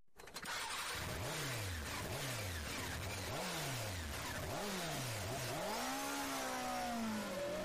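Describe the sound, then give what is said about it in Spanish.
A motorcycle engine revs loud in a series of quick throttle blips, then winds up into one longer, climbing rev, with no voices present. “La fuerza que tu motocicleta necesita, solo en Motorrepuestos Guevara”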